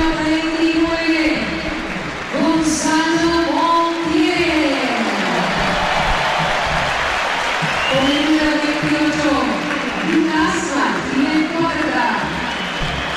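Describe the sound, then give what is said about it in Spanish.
Subdued, scattered applause from a stadium crowd for Martínez Huerta as the starting lineup is announced and shown on the stadium's LED screens, a steady wash of clapping and murmur, while an amplified voice calls out over a public address system throughout. “Tímido para Martínez Huerta.”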